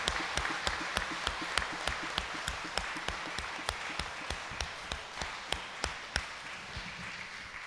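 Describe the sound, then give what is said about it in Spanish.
A crowd applauds the Virgin of Cupilco, patron of Tabasco, during a religious fiesta, a dense wash of clapping with sharp, evenly spaced claps cutting through in a quick rhythm, gradually thinning toward the end. No one speaks. “¡Fuerte el aplauso a nuestra Madre Santísima!”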